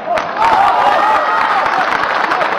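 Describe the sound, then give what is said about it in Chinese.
The studio audience of the TV show Artistic Life (艺术人生) breaks into sustained applause welcoming guest Feng Gong, a dense wash of many hands clapping that swells quickly and holds steady and loud, with faint cheering mixed in. “让我们掌声有请本期艺术人生的主人公冯巩。”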